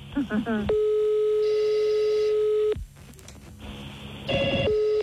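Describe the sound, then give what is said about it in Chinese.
A steady electronic telephone hold tone sounds for about two seconds after a quick burst of chirpy beeps as a caller is put on hold while another outside line is answered, then returns near the end, with faint background noise in between and no talking. “甲电话，我先保留按服外线，甲你服务吼，你莫挂吼。”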